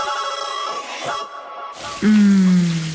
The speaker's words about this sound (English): Shower time.